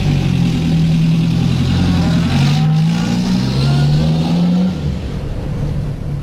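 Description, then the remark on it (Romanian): A car engine revs and rumbles steadily, its pitch rising and falling as the car is pulled up to be checked, then settles toward a lower idle near the end. “Aveți puțin timp și pentru mașina mea? Imediat, imediat. Trageți mașina aici.”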